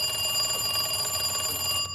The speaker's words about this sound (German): als das Telefon klingelte und ihr einen ordentlichen Schreck einjagte.